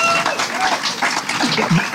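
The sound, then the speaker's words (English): An audience applauds a band after its live performance, a dense wash of clapping that stays loud for the whole two seconds, with scattered shouts and voices mixed into the noise. “And I think that almost deserves another round of applause for the job that they did.”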